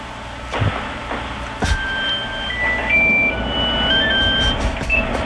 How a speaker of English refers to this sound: I think it just went off again. That was my cell phone.